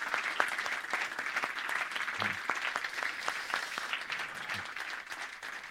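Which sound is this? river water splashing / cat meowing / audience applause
audience applause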